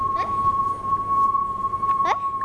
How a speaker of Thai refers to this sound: โอเคนะทุกคนสังเกตตอนที่ลำโพงวิ่งเข้าหาเรากับตอนที่ลำโพงวิ่งหนีเราลองสังเกตเสียงว่าต่างกันอย่างไรครับ มันจะดังกว่า สูงกว่า